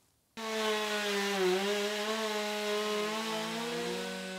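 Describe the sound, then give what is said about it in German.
A chainsaw starts abruptly and runs steadily, its loud buzzing engine dipping slightly in pitch as it bites into wood, stripping off bark and sapwood, continuing without pause for several seconds. “Erst mit der Kettensäge hole ich die Rinde und das Splintholz runter.”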